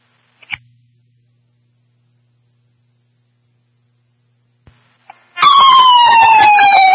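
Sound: emergency vehicle siren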